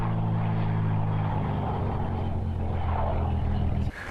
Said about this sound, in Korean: 드디어 오늘 저희가 타게 될 비행기가 도착했습니다.